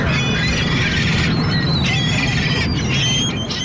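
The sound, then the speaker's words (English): Seagulls coasting around in the sun squeal and cry repeatedly in high, overlapping calls over a steady low roar of wind or surf, the birds loud throughout. “I liked having an opportunity to take a lesson from a seagull about just coasting around while the sun is nice.”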